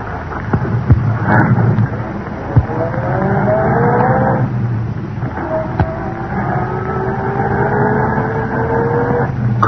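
A car engine revs up as the car pulls away from the curb and down the street, its pitch climbing steadily, then easing and climbing again through a second gear, loud with no voices.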